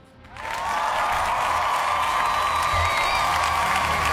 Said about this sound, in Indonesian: Kita kasih tepuk tangan yuk.